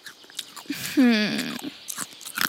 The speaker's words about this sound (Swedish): Vad är det du tugga på, om man vill förstå? Det är mina snacks i blod. Äter du upp snacksen igen? De är ju till festen. De är så goda och vassa.